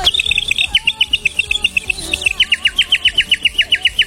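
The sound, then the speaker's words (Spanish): A bird chirps in a quick, steady series of sharp, high tweets, about twenty in a row, with a softer warbling call weaving underneath; clear, no voices. “Vamos a hacer un pajarrín 2x1.”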